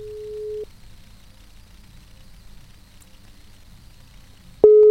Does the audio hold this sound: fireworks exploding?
no